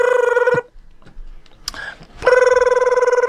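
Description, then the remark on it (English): A steady electronic ringing tone of an outgoing phone call sounds for about half a second, pauses, then resumes loudly, with faint clicks and line noise in the gap between rings. “Okay, let me just phone him up.”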